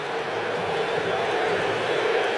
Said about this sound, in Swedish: Vi hör vad publiken tyckte, de tyckte att Brasilien skulle ha frispark, så blev det inte.